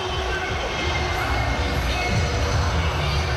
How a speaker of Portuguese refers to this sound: Galera ainda tá, os jogadores ainda estão comemorando com a torcida lá do outro lado.